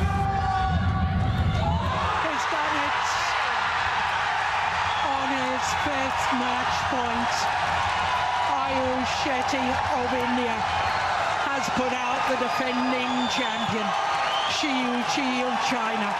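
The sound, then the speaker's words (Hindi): The crowd at Indira Gandhi International Stadium erupts into loud, sustained cheering and shouting as Ayush Shetty scores match point against reigning world champion Shi Yuqi of China, with rhythmic, repeated chant-like bursts pulsing through the roar for over ten seconds. “आयुष का match point score करते ही Indira Gandhi international stadium में मानो जोश का एक विस्फोट हुआ।”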